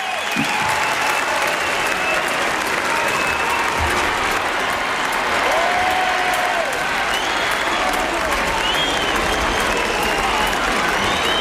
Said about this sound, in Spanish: Es cierto, yo creo que se escuchan también esos silbidos, se escuchan también tímidamente, entre la multitud que está aclamando a León XIV en ese balcón en Montserrat, con esa bendición que ha lanzado.